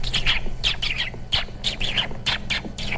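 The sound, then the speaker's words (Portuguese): A voice imitates a dolphin with a rapid run of high, squeaky chirps and whistles, coming in about eight short bursts over a steady low hum. “Golfinho assim, ó.”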